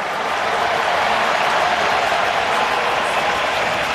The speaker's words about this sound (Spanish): Otamendi, lo aplaude la gente, Lautaro Martínez, el toro, la gente lo aplaude, Scaloni.